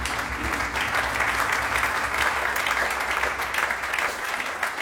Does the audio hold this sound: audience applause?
yes